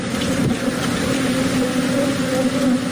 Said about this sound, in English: That's a lot of bees. That's a lot of buzz.